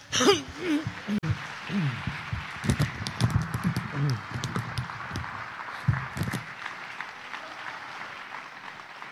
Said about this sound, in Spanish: Denle las palmas a él, hermano.